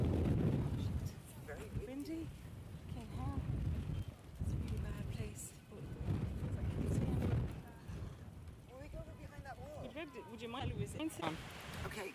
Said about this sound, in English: Windy.